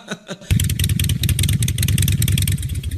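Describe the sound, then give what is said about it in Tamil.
A newly bought motorbike arrives; its engine starts up at about half a second and runs loud and steady, its low throbbing putter pulsing rapidly with slight revving swells. “அந்த ஆத்தோரத்துல இருந்த தினந்தோப்பா, அதுல மூணு லாரி இளநீரும் தேங்காவும் பெங்களூரு கல்கட்டா சென்னைக்கு அனுப்பினா, அதுல வந்த வருமானத்துல ஒரு பைக் வாங்கிட்டான்.”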